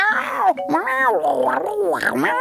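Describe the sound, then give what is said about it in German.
A voice imitates a tiger cheering with excitement as its name is read out, letting out excited, rolling roars and growls that swoop up and down in pitch, loud, for a couple of seconds. “Der Name auf dem nächsten Zettel ist Tiger, liest die kleine Prinzessin und neben ihr jubiliert es begeistert.”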